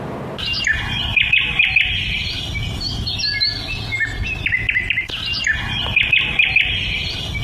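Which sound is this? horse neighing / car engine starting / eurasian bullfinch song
eurasian bullfinch song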